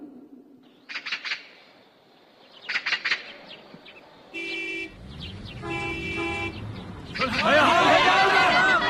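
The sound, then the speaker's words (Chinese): Two sustained, loud horn blasts ring out over a deep, growing engine rumble as brand-new large trucks pull in from Shahaigou village to Hanshui village in Caowa township to move the villages, with brief chirpy bursts beforehand and a noisy clamor rising at the end. “是啊，这一辆辆崭新的大卡车都是迎接咱的。”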